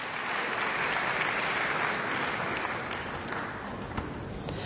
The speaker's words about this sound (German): viel, viel Beifall aus dem Publikum in der Saarbrücker Kongresshalle.